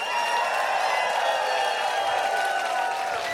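Steady, dense audience applause fills the whole stretch, a continuous wash of many hands clapping with some crowd cheering mixed in, loud and even throughout without any talking.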